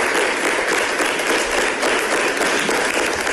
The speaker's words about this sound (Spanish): Así acaba el intento de moción de censura en el Ayuntamiento de Cartagena. Aplausos a la alcaldesa tras una mañana intensísima en un pleno extraordinario que pasará a la historia